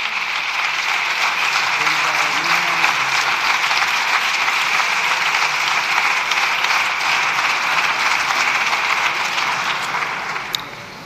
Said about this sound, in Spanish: Bueno, escuchan este tremendo aplauso.